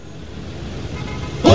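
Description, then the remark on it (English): Steady low rumble of idling daytime traffic in a jam on an eight-lane highway, from the film Office Space, then a single loud car horn blares right at the end. No voices. “Daytime, a traffic jam spans an eight-lane highway.”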